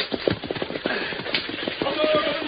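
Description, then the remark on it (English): Horses being whipped gallop through a wilderness pulling a stagecoach, their rapid hoofbeats drumming in a steady, driving rhythm, loud, with a rumbling clatter underneath. “Say, if you don't stop whipping those horses.”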